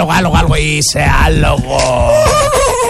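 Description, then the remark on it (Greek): A person running through the corridors imitates a horse with a loud, drawn-out whinnying cry. The pitch wavers and rises and falls for about three seconds, strained, with no other talking. “Τρέχει στους διαδρόμους, κάνει το άλογο.”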